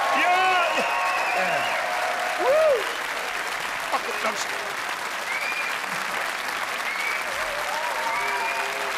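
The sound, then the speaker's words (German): Steady, dense audience applause fills the whole clip at an even level, with scattered whoops and cheering voices rising over the clapping. “Applaus, Applaus, ja!”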